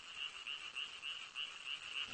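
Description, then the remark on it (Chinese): A male frog calls over and over in a steady, rapid rhythm, inflating its large vocal sac with air to amplify the call. Each pulse is a bright, buzzy croak repeating several times a second against a soft background hum, with no voices. “雄青蛙有个大的跟身体不相称的声囊，它们利用空气使声囊膨胀，从而放大声音。”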